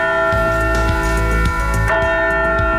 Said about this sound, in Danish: Altså den der 100 kilo, nej flere 100 kilo faktisk, tunge klokke, der er blevet stjålet fra en kirke i Sejlstrup i Nordjylland.